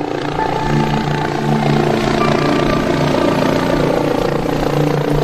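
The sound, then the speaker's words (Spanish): A loud, steady drone of an aircraft engine as the aircraft is about to land, with a deep, throbbing low hum and layered harmonic tones, holding constant for several seconds with no voices. “Estoy a punto de aterrizar.”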